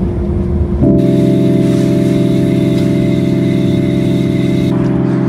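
A heavy lorry engine drones loudly and steadily at a low pitch, labouring under load as the underpowered lorry struggles up a hill, with a constant hum and no speech.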